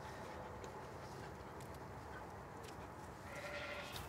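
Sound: sheep bleating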